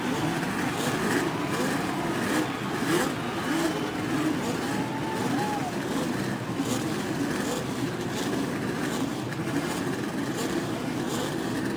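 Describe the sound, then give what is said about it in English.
A steady, dense roar of racing car engines on the main straight at the Indianapolis Motor Speedway before the 1986 Indianapolis 500-mile race, loud and continuous with slight surges, like cars thundering past, with no talking. “The challenging roar of the racing engine on the main stretch at Indianapolis.”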